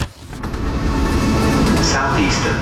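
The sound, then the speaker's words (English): Steady rumble inside a moving train carriage, a continuous low roar with faint rattling and hiss holding at an even, fairly loud level throughout. “Take the train with Southeastern.”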